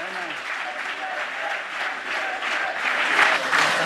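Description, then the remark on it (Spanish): A crowd at a Real Madrid event applauds while voices shout "presidente, presidente" in unison for Florentino Pérez, the clapping and cheering forming a dense, continuous roar that swells slightly louder toward the end as the Real Madrid anthem plays to close the event. “Gritos de presidente, presidente, y suena el himno del Real Madrid para terminar el acto.”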